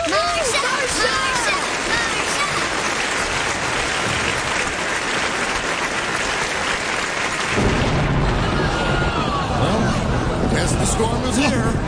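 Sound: thunderstorm with thunder rumbling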